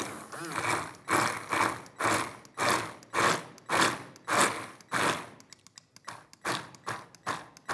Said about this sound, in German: Und dann gehe ich, keine Angst wegen der Kerne, mit dem Mixer einmal kurz an den Kollegen und dann.